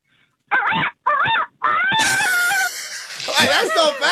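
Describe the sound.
Someone imitates a rooster crowing: a few short, loud voiced bursts, then a longer drawn-out cry, with other voices chattering toward the end.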